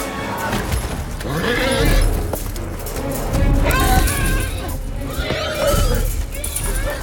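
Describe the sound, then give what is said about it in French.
Several horses scream and whinny in distress in a scene of the war film War Horse where the horses are suffering and being massacred, their shrill cries rising and falling again and again over a loud, chaotic din of rumbling and clattering. “Par exemple, alors dans ce film, Chevaux de guerre, est-ce que ce que l'on entend, donc on est sur une scène où normalement ils souffrent, ils sont un peu massacrés, et on entend ces cris de chevaux.”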